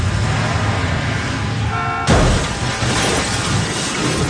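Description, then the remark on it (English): A roaring car engine revs higher, then a sudden loud crash with shattering glass cuts in, followed by continuous rumbling noise and debris: a car chase scene from a film, ending in a crash. “The car chase scene and the ultimate crash perspectives are so excellent.”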